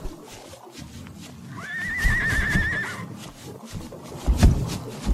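A horse lets out a wavering, high-pitched whinny lasting about a second and a half, heard over a rumbling, noisy outdoor background with a few dull thuds afterward.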